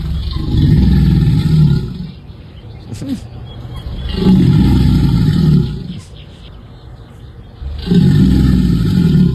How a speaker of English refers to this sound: Alligators. Two alligators.